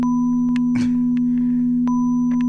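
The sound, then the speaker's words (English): A steady, unwavering sine wave tone holds a constant low pitch for the whole clip, with fainter higher tones alongside and a few brief clicks and a short noisy burst over it. “That nice, beautiful sine wave.”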